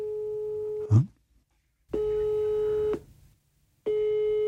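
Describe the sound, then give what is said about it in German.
A telephone tone sounds in steady, evenly spaced pulses, each about a second long with silent gaps between, like a ringback or busy signal heard over a mobile phone line while calling a number in the USA, with no talking. “Also du könntest jetzt, wenn du wolltest, auf deinem Handy … anrufen.”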